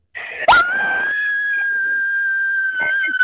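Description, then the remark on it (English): A woman lets out one long, loud, high-pitched scream, holding a steady shrill pitch for about three seconds after a sharp start, like a horror-movie shriek. “We're about to scream.”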